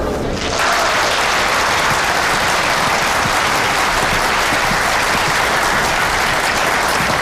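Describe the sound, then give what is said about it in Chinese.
A lecture audience breaks into sustained applause to welcome a professor, a dense wash of many hands clapping at a steady, loud level for the full seven seconds, with no voices over it. “下面就让我们用掌声欢迎陆教授。”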